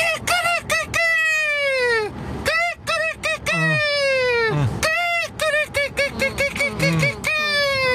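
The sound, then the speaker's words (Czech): A person imitates a rooster crowing, loud, repeating several strained, hoarse crow-like calls one after another with short breaks between them. “A podle mě to byl nachlazený kohout, možná kohout s covidem.”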